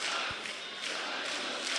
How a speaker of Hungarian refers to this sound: Na most lebuktam, hogy hol vettem fel ezt a közönségovációt.